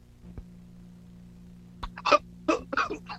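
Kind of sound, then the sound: human body sound, man coughing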